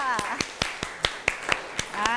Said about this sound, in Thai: เอาขอเสียงปรบมือให้เพื่อนด้วยค่ะ